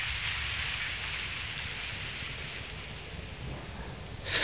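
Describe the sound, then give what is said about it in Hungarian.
Steady rain pours down in a dense, continuous hiss with a low rumble underneath, holding even throughout and swelling brighter and louder in the final moment. No voices are heard. “Most fürdök a legtisztábbra, hiszen nincs szűzebb az esővíznél.”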